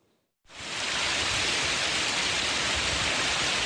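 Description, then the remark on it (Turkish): Dense, steady roar of heavy rain and hail pounding down in Edirne, Turkey, around midday, starting abruptly after a brief quiet moment and continuing loud and unbroken, a broad hissing wash with scattered harder impacts. “Dolu ve kuvvetli yağmur etkili oldu.”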